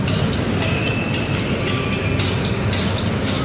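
Hammer blows of hostages trying, without success, to break through a wall, recorded by journalists' microphones on Plaça de Catalunya: a series of dull, irregularly spaced knocks half-buried in a steady, rumbling wash of background noise. No one speaks.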